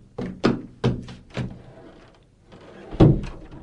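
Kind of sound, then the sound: household object, knocking on a door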